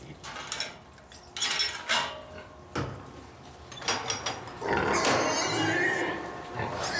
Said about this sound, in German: Die Karre lassen wir erstmal stehen, wir lassen das Schwein erstmal rein zum Fressen und machen dann in Ruhe hier sauber.